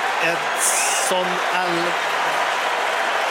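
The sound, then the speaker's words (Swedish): A large stadium crowd at a Mexico versus South Africa football match cheers and applauds Mexican player Edson Alvarez as he comes on as a substitute for his 99th international match, a steady, dense roar with a few brief voiced tones rising above the wash of noise. “Det är honom publiken jublar åt.”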